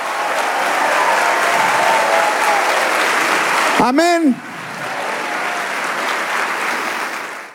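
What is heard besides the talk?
audience applauding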